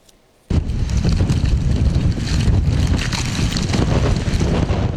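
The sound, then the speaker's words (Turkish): Strong storm wind in Istanbul, Turkey, with speeds up to 80 km/h amid heavy rain and cold, roars loudly and continuously after a brief quiet start, a dense rumbling blast with gusty buffeting against the microphone and no voices. “Gün boyunca etkili olan sağanak yağış, şiddetli rüzgar ve soğuk hava.”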